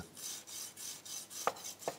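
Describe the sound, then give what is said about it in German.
A knife saws through the crispy skin of a duck breast, cutting off a small piece, in a steady rhythm of rasping, crunchy strokes, about six or seven in two seconds, with a couple of sharper crackles near the end. No one speaks. “Und jetzt hört man schon, wie das so knuspert.”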